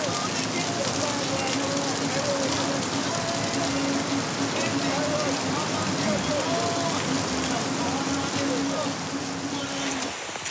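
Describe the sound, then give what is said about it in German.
Heavy rain pours down steadily in a dense, constant hiss that fills the whole recording, with faint muffled voices drifting underneath; the downpour falls on a race as the first participants reach the finish after 90 minutes. “Heftiger Regen macht die Hasch jetzt noch anspruchsvoller.”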